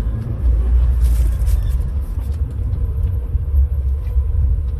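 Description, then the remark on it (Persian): Steady low engine rumble from many cars idling in a long queue for fuel at the Seyed Razi gas station, the line running around a square in about three lanes, a continuous heavy drone with slight fluctuations and faint traffic hiss above, no voices. “اینا همه ماشینایی هن که تو صفن.”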